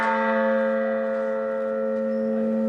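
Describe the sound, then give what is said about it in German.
The single large church bell named Resistamus, tuned to the note A, hums and sustains, its deep tone and rich overtones ringing steadily and loud without fading, heard alone with no voices. “Resistamus, Lasst uns widersetzen, ein A.”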